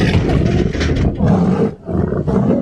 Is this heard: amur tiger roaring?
yes